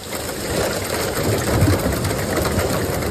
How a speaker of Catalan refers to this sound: Així sonaven les precipitacions acompanyades de pedra aquest vespre a Sant Pau de Segúries, al Ripollès.